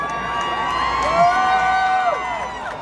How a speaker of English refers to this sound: And for those of you booing us, some of us are not afraid. And we most assuredly are not ignorant.